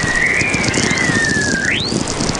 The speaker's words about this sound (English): And it's been going on, well, for eons. And they first noticed it in England in about 1882. The British telegraph operators started hearing these strange whistling tones in their headphones.